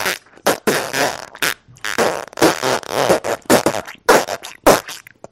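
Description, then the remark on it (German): A rapid, irregular string of loud fart noises, around nine bursts of varying length and pitch, some short pops and some longer sputtering rasps, with no talking. “Nun hört ihr die Geschichte vom Pupsen.”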